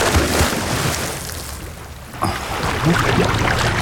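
A single splash of someone jumping from a boat into the open sea, fairly loud, followed by a wash of churning, bubbling water; steady watery rush fills the background before and after.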